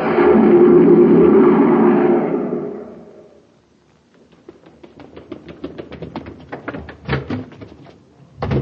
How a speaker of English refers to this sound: A cyclone? Just Danny Fields rushing out the door to the grocery.